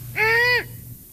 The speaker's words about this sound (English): That's an odd sound most of us wouldn't hear. There, that's the one you hear the most. It's a five. Yeah, it just gives you that feeling of being in the woods at night right away. That's the sound of a female great horned owl.